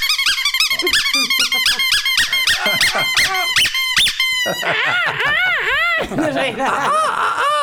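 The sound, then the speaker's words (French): A person ranked 11th in the world for seagull-cry imitation imitates a seagull's cry. It begins with a rapid run of short, shrill squawking yelps, then several longer, arching wails that rise and fall in pitch, loud and sustained throughout. “Vous avez là le 11e mondial du cri de la mouette.”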